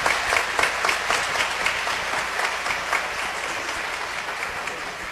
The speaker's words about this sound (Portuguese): E uma forte salva de palmas para Nossa Senhora.